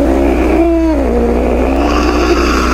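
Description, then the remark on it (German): A cat purrs loudly and steadily, a continuous low rumbling drone with a slight wavering in pitch and no voices over it. “Und wer der Dosenöffner funktioniert nicht auf Anhieb, dann wird aus diesem majestätischen Schnurren hier innerhalb von wenigen Sekunden womöglich eine kleine Terrorpelzkugel.”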